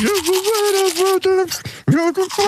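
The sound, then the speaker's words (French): An electric toothbrush buzzes out a simple melody, its steady motor whine stepping between pitches in a short tune with a couple of brief breaks. “Bon, on va réécouter le jeu, l'extrait de la brosse à dents pour ceux et celles qui n'étaient pas là.”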